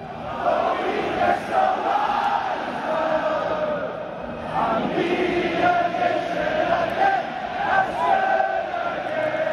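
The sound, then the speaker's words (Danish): A large crowd of Scottish football fans at the World Cup chants in unison, a loud sustained roar of many voices with rhythmic rises and swells, steady throughout with no other sounds breaking through. “Det gør tilskuerne også i hvert fald dem her.”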